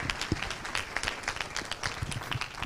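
A concert audience applauds steadily, many hands clapping in a dense, continuous patter with sharp bright transients throughout, sustained at an even level with no voices; the concert is dedicated to Maria.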